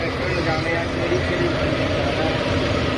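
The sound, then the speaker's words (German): A steady, rumbling engine drones continuously, a low mechanical hum from tractors driving along the beach on an island around 7 a.m., preparing the sand for the day, with broad outdoor noise and no clear breaks. “Jetzt um diese Uhrzeit fahren nämlich schon die Traktoren den Strand entlang.”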